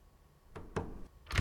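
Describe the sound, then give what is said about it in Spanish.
A door rattles in three short, sharp bursts as someone tries the handle and finds it locked, moderately loud, with no voices. “Ay, que está cerrada la puerta, que no hay nadie.”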